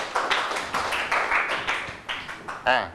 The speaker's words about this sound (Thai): นักเรียนปรบมือให้เพื่อนถูกต้องหมดเลย